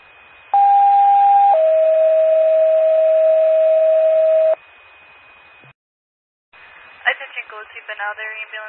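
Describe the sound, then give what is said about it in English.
Macoupin County 911 ambulance pager cancellation tones, cancelling a patient transfer from St. Francis to Barnes: a loud, steady high tone for about a second, then a longer, slightly lower tone for three seconds, followed by radio hiss and a voice speaking. “will you send out a cancellation page?”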